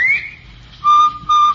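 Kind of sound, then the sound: bird, bobwhite quail whistle call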